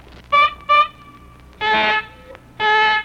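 A nose being blown in loud, tonal honks like a car horn: two short blasts, then two longer, fuller ones after a brief pause, with no talking.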